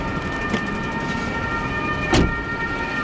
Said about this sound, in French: C'est quoi, les ambulances arrivent aussi automatiquement? On a une ambulance qui vient en prévention pour tout feu, que ce soit pour prendre en charge un habitant ou un sapeur-pompier qui est blessé.